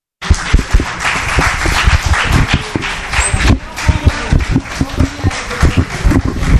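Sustained audience applause for a speaker after a presentation, a dense patter of many hands clapping steadily at a loud, even level, with a few sharper individual claps standing out throughout.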